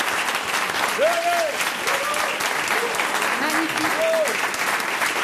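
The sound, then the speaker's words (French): Sustained applause from an audience honouring a group of men present in the hall for their courage and daring, a dense steady patter of many hands clapping at an even loudness throughout, with a few faint voices rising briefly above the clapping. “mais j'aimerais qu'on puisse les applaudir pour leur courage et leur audace.”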